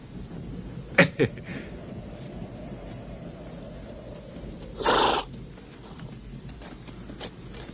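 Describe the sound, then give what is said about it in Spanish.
A horse gives a couple of sharp hoof clops, then a short, breathy whinny a few seconds later as a man rides away on it, all over a steady low background rumble with no one talking. “Creo que lo mejor de ese hombre lo vemos cuando se marcha a caballo.”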